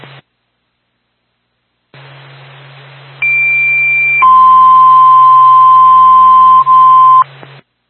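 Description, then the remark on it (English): A fire dispatch alert tone for the Littleton Fire Department over radio static, sent for a second-floor fire alarm call at the Union Bank, 76 Main Street: a steady high tone for about a second, then a longer lower tone lasting about three seconds, loud and clear, with a hiss and hum underneath. “Stand by for tone.”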